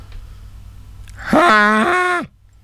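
A person's voice imitates the call of an albatross, a native Hawaiian seabird: one loud, drawn-out, nasal groan lasting about a second. It rises sharply at the start, holds a steady low pitch, then falls away abruptly.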